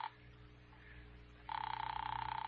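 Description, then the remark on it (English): A telephone ring trills steadily over a low hum, starting with a brief burst, pausing, then returning loud and sustained with a fast buzzing pulse, as an operator rings a held line. No one speaks. “All right, Doctor, it's ringing here.”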